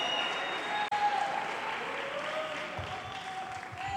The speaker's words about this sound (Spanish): No sé quiénes están aplaudiendo, si son las mujeres o son los hombres.